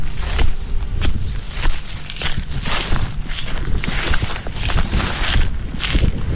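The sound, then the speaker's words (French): Footsteps crunch steadily through dry fallen leaves at the water's edge of Lake Memphremagog in Magog, Quebec, a continuous run of rustling, crackling steps at a walking pace, fairly loud with no voices. “Je suis à Magog, au bord de l'eau, les pieds dans les feuilles.”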